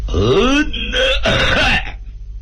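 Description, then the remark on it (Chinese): A man loudly and deliberately clears his throat in an exaggerated, drawn-out "ahem," three voiced, rasping bursts, then quiet. “摆大份儿，咳嗽一声说明自己有身份。”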